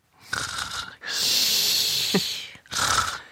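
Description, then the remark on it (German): A person imitates how their sister snored as a child: three breathy, rasping snore sounds, with a long wheezy one between two shorter breaths, fairly loud and with no talking. “Also, ich mach mal nach, wie sie geschnarcht hat früher, als wir klein waren und zusammen in einem Zimmer geschlafen haben.”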